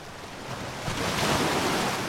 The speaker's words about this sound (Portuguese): que lá ouviu esperança e também muitos lamentos de vida difícil entre as ondas que vão quebrando muito devagarinho.